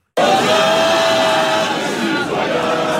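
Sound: football supporters cheering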